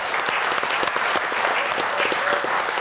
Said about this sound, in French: Alors, déjà, on applaudit notre invité qui a bien répondu.